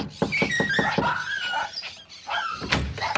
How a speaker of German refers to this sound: Na komm, wir klopfen mal an.